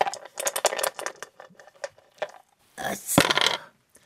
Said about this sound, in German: Aber du hast doch eine 8 gewürfelt. Du darfst noch einmal würfeln.